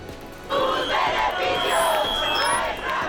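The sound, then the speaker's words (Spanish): A large crowd of protesters outside the Congress, the lower house of parliament, shouts and chants in unison 'sus beneficios, nuestra miseria' against the vote that rejected the first decree, a dense roar of many raised voices that swells after the first half second and stays loud and sustained throughout. “Al grito de sus beneficios, nuestra miseria, las personas concentradas en las inmediaciones de la Cámara Baja han protestado contra el resultado de la votación.”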